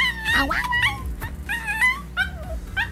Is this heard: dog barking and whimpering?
yes